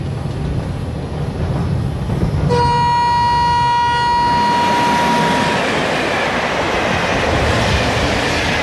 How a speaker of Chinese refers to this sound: 2014年，新关角隧道贯通32.69公里，7年，列车穿山而过，20分钟。